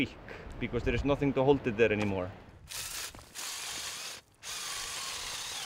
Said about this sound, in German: Aron bohrt neue Löcher, um für die Gruppen, die weiter hinauf wollen, Halteseile zu befestigen